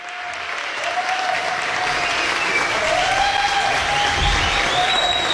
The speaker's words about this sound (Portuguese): E com palmas a gente também termina esse tempo juntos